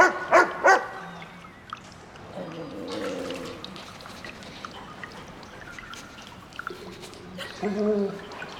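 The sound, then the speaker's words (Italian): A dog, Rex, gives two quick, loud barks, then lets out thin, high whimpers and whines over a steady background of trickling, rushing water at the entrance to caves that flood at high tide. “Senti l'odore di Maddie, Rex?”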